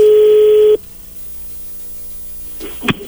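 A telephone ringback tone sounds once, a steady loud buzzing burst lasting under a second, then quiet line hiss until a sharp click and rustle as the call connects.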